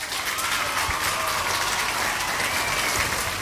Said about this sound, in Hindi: तो सभी ने बिल्कुल सही जवाब दिया है, तो आपके लिए बजेंगी तालियां।